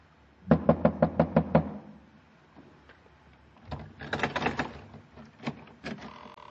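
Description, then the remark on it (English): A quick, even run of about seven hard knocks on a wet, black wooden door, rapped with a bronze idol. After a short pause comes a looser, clattering burst of knocks and thuds. “I found the door, lifted the bronze idol, and wrapped it against the wet black wood.”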